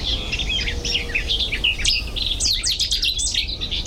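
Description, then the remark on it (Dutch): A loud, explosive burst of bright Cetti's warbler song rings out, abrupt and emphatic phrases repeating over a steady low outdoor rumble, with other birds faintly chirping around it. “koekoek weer en een city star. Ja, prachtig.”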